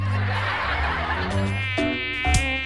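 A mosquito buzzes inside a home in a continuous thin, high whine whose pitch wavers as it hovers, lasting a few seconds with no one talking.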